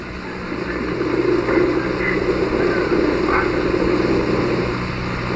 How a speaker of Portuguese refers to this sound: É o vento. Esse é o vento, né?